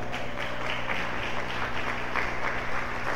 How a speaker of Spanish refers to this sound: A su nombre, un aplauso para el Señor.